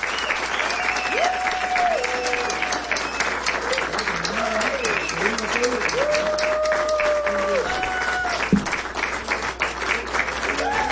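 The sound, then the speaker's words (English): Sustained audience applause after an in-studio music session by a Cuban band, a dense, steady wash of many hands clapping without pause, while a voice talks over it throughout. “Thank you for your applause and enjoy your music.”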